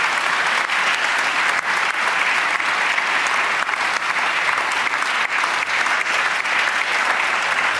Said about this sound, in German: Und das ist auch einen Applaus wert.